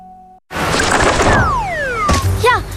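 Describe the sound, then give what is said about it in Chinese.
A sudden loud impact as a bird slams into window glass, followed by descending whistling tones, another sharp knock, and a wavering chirp near the end. “鸟撞玻璃上了”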